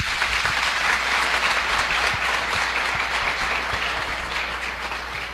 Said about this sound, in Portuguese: Então, em forma de gratidão a todo o povo que veio da zona rural, uma forte salva de palmas.